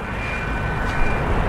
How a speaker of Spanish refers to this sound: Capitán, mire, un jet de combate vuela al parejo de nosotros.